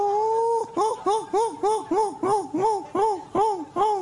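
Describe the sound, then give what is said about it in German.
A man on the TV show ZDF-Fernsehgarten imitates seagull calls with his voice: a long opening cry followed by a rapid series of about ten arching, nasal yelps in a steady rhythm, loud and without any other talk. “Weil vielleicht im ZDF-Fernsehgarten mit dem Typ, der da jetzt Möwen nachgemacht hat, nicht ganz der Fall. Wir haben Möwenarten vorbereitet.”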